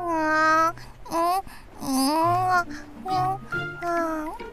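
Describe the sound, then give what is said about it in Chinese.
A baby wails and babbles on the first floor of a home in a string of high, wavering cries with short pauses between them, fairly loud, with no other voices around it. “是一楼传来了小宝宝的哭声。”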